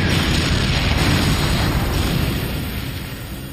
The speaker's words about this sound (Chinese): 我们停在 T-34 坦克后面10米处，朝他开了一炮，打中了 T-34 坦克。 T-34 坦克爆炸了，炮台被炸飞了3米高，落下来差点砸到我们的坦克。